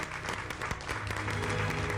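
An audience applauds steadily, many hands clapping in a dense, continuous patter that holds at an even loudness throughout, with no voices rising above it.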